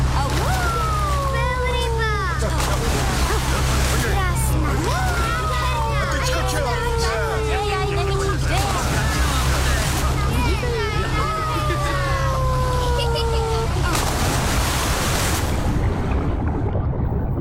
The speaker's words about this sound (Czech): Cestou potkávali výletní lodě plné lidí.